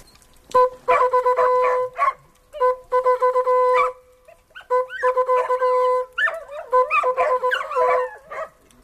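hunting horn signal

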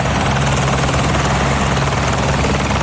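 helicopter flying overhead

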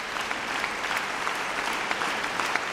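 concert audience applause

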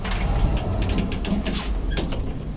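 elevator running

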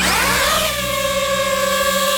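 small camera drone buzzing

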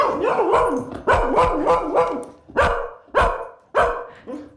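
dog barking

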